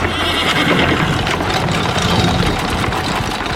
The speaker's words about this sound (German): Im rasanten Galopp bahnten sich die Freunde ihren Weg durch die Straßen Aglaias. Das Schnauben der Pferde vermischte sich mit dem rhythmischen Rotieren der Räder,